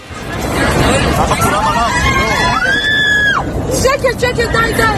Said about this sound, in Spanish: Sale ese avión de Dubái con destino a Tel Aviv. El copiloto, un tío de Omán, apuñala al comandante. En medio de la pelea, oigan ustedes los gritos del avión, vamos.